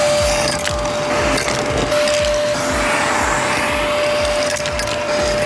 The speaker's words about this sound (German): Und ja, warte mal kurz, ist schon ordentlich dreckig hier drin. Müssen wir mal eben durchsaugen.